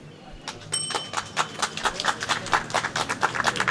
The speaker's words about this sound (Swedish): Vi står precis bredvid Socialdemokraternas valstuga, vill jag bara säga. Där kommer applåder därifrån.